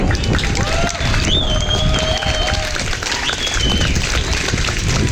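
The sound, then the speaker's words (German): A large audience claps loudly and continuously in applause for all the people who helped the event take place, a dense roar of applause filling the whole stretch, with a few shrill whistles rising above it. “Ein riesen fetter Dank raus und von euch auch nochmal bitte Applaus für all diese Leute.”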